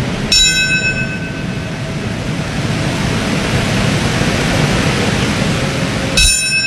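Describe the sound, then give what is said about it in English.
A bell tolls twice, about six seconds apart, each strike ringing out and slowly fading over a steady hiss of outdoor ambience. The bell rings at a U.S. memorial ceremony marking 25 years since the 9/11 terror attacks, at the moments the planes crashed into the World Trade Center. “Bells rang during ceremonies across the U.S., marking the moments when the planes crashed into the World Trade Center, the Pentagon, in a field in Pennsylvania.”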